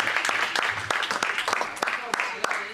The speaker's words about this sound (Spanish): Déjelo, Señor, se le va a dar palmas al Señor, se le dio, porque hay muchas cosas en ellos.